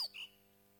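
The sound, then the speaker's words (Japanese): Two quick, thin, high-pitched calls from ʻakiapōlāʻau chicks waiting for a parent bird to return, in a Hawaiian forest, one sliding downward and the next a short whistle, sounding faint and distant over a quiet background hiss. “そして遠くではヒナが親鳥の帰りを待っている。”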